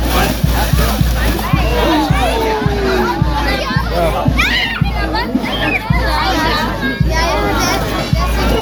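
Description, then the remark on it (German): Continuous splashing and sloshing of water as people, one playing King Neptune and one the sea queen, wade through a puddle, with a lively crowd of children shouting and chattering over it throughout. “wartet durch die Pfütze. Die drücken sich rein. Ja. Da wird der Reporter auch nass.”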